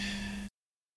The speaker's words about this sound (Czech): Pardon, já se ještě vysmrkám.